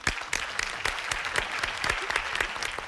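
Audience applause: steady, dense clapping from a crowd, with sharp repeated claps standing out over a continuous wash of hand claps, holding an even loudness throughout.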